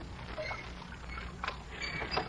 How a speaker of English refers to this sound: You row a boat beautifully, Mr. Dalloway. Thank you, Miss Clarissa. Peter, doesn't Mr. Dalloway row a boat beautifully? Oh, beautifully.